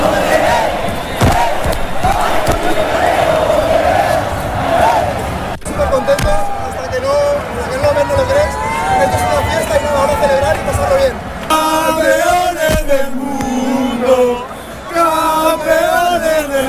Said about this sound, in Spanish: Palma se colapsó para intentar llegar a la Plaza de las Tortugas, donde los aficionados lo dieron todo para agradecer a la selección esta segunda Copa del Mundo, hasta con fuegos artificiales.